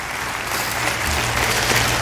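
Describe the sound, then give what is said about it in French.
An audience at Église Nouvelle Vie church on Sunday morning, 1 July 2007, applauds steadily and shouts amen, a dense, continuous wash of clapping that holds an even loudness throughout, with a faint low murmur of voices beneath it. “Et ceux qui le désirent, crient un grand amen dans ce lieu ce matin et applaudissent avec moi la libération que Dieu veut accomplir.”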